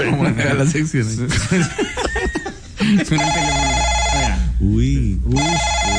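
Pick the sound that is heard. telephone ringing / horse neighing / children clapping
telephone ringing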